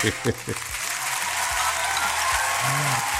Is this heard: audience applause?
yes